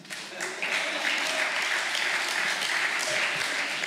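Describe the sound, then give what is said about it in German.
A room full of people, parents in the audience, claps in a thin, scattered way, a steady low-energy patter of applause that never builds, with a faint murmur of voices mixed in. “Das war ein sehr müdes Klatschen.”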